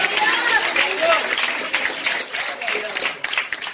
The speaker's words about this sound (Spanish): Esto, denle un aplauso al Señor.